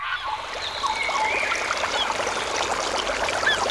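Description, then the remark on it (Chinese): A steady rush of flowing stream water babbles continuously, with a few faint bird calls and honks rising above it; no one speaks. “溪流，森林，草原，大海。”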